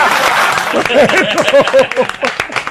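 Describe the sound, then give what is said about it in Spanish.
A burst of audience applause, dense and steady clapping filling the whole moment, with excited voices calling out over it. “¡Aplaudan, porque no aplauden!”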